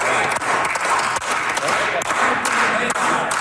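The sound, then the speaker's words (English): Steady, subdued applause from MLAs in the Manitoba legislature chamber after an all-night debate on the NDP government's budget implementation bill: a dense wash of many hands clapping at an even level without cheers, sounding flat and unenthusiastic for several seconds. “Well, tired applause in the Manitoba legislature.”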